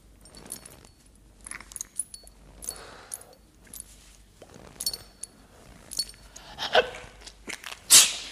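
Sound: sneeze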